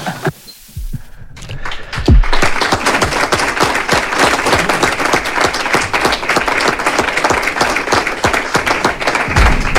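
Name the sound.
applause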